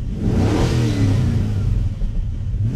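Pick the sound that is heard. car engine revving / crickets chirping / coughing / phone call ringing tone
car engine revving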